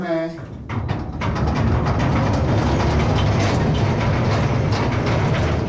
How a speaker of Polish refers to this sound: Kolejką pokonujemy dalszych kilkaset metrów w głąb góry.